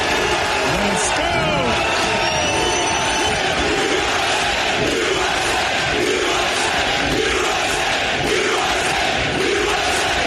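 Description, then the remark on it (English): A large crowd of Team USA fans at a 2026 FIFA World Cup match in Seattle roars and cheers steadily, a dense wall of many voices with shouts and yells rising out of it, loud and continuous throughout. “It's so nice to see a crowd that's pro-America in Seattle.”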